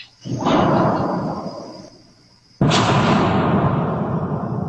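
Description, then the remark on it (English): Two loud, deep booms, the second striking more suddenly and sharply, each trailing off into a long, rolling rumble with no voices present. “His guess is that it was one of the meteors that breaks the sound barrier over St. Louis.”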